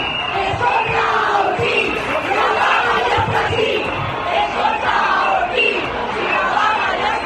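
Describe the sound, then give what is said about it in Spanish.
A large crowd of striking teachers in the street in the province of Castellón shouts chants in unison at the regional education minister (consellera de Educación), loud and sustained, with rhythmic surges of many raised voices blending into a continuous roar. “Con estos gritos hacia la consellera de Educación, el sindicato mayoritario dice que la huelga de profesores la han secundado un 75% de los profesionales, mientras desde la consellería alegan que el seguimiento ha sido de un 32%.”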